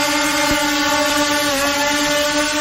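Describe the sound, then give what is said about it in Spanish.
A helicopter drones steadily over the plan district of Valparaíso, its engine a loud, continuous hum with a constant pitch and no break for the whole stretch. No one speaks. “El otro es un helicóptero y está sobrevolando hace un buen rato el plan de Valparaíso.”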